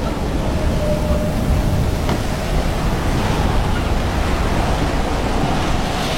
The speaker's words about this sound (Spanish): Esto se puso más fuerte, amigos. Está más bien, parece una tormenta como la primera que tuvimos en la isla.